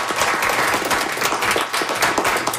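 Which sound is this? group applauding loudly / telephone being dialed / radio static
group applauding loudly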